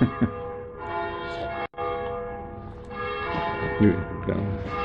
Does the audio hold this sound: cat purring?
no